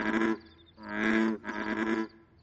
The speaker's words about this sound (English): Listen, the froggies are croaking back and forth. Oh, maybe because they're communicating!